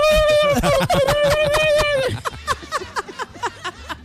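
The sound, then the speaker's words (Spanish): A person mimics a turkey's gobble with a warbling, pitch-wobbling vocal call for about two seconds, followed by choppy, broken vocal sounds and laughter-like bursts. “Como lloran los pavos. Sí, ¿no? Sí, como lloran. Sí, así lloran.”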